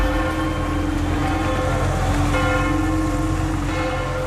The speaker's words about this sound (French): Les cloches de l'église Saint-Pierre de Montrouge dans le 14e arrondissement de Paris, elles ont résonné comme dans toutes les églises de France pendant 7 minutes tout à l'heure à 10h au moment où le pape Léon XIV a posé le pied sur le sol français